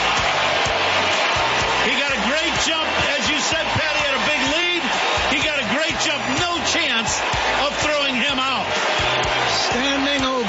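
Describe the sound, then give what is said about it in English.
A packed crowd at a Cubs ballpark cheers loudly and without pause as Pete Crow-Armstrong beats the throw to second base to reach 40-40: a dense roar of overlapping shouts and rising whoops that stays strong for about ten seconds. “Listen to this crowd.”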